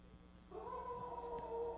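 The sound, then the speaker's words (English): A pet dog at home lets out one long, drawn-out howl that begins after a brief quiet moment and holds a steady, slightly rising wavering tone until the end, with no voices. “That was a howl.”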